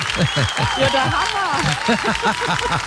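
Steady applause from a crowd fills the background while a voice talks over it, the clapping a dense, continuous wash without breaks for the whole few seconds.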